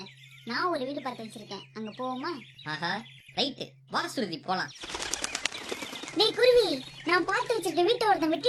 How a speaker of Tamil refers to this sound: என்ன சொல்ற குயில?